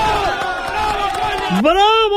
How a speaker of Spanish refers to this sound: Ahí es, bravo coño, era exactamente el grito. Ahí estaba la masa entregada.